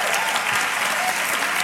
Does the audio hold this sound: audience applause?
yes